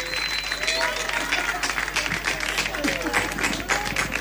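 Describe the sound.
A crowd applauds steadily throughout, a dense, continuous patter of many hands clapping, with scattered voices and cheers rising through the noise.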